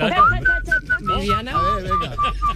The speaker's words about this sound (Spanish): ¿Sabes lo que se me da mejor? Se me da mejor silbar.